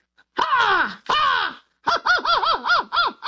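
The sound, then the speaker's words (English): A person loudly imitates an American crow alone, giving two long, drawn-out caws followed by a rapid run of five shorter, clipped caws. “Why don't you do the American one first and then a British one, and we'll see if we can hear the difference.”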